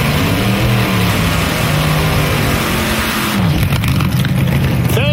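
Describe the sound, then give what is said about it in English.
A 1936 Ford car engine rumbles loudly, its low drone rising and falling as it's revved, with a pitch swoop near the end before settling back into a steady idle. “Would you fire that thing up, please? That 36 Ford over there.”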